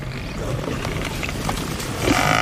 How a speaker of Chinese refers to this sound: 在飞扬的尘土中，四只狮子开始围攻一头高大的非洲水牛。狮子们把非洲水牛拖下河岸，这样一来，牛群就很难回来救它。